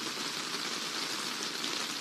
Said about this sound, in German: Schon verrückt. Allein schon das Hören hat ein bisschen etwas Erfrischendes. Der Regen.